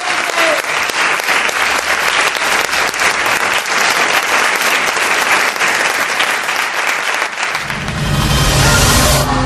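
Loud, sustained applause from an audience, a dense rush of many hands clapping for several seconds, swelling into a fuller, rumbling roar near the end.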